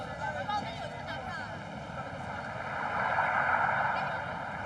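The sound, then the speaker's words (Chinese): Ambient noise aboard a boat: a steady, low engine drone with a broad rushing wash over it. It holds constant throughout and swells slightly louder toward the end. “我看你最近睡得不是很好，你不是有听白噪音助眠的习惯吗？我就在来的船上断断续续录了一点。”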